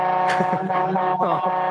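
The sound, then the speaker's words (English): A steady truck cab drone with a constant engine hum running the full length, with muffled voice-like sounds over it. “I'm just going to jump out of the truck.”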